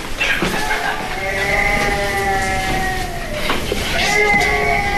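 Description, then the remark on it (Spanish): A baby who has just woken up cries over a baby monitor in two long, wavering wails, high-pitched and steady in loudness, with a brief catch of breath between them and a faint hiss underneath. “Vamos a ver los monitores. Fuera, sí, está llorando, efectivamente.”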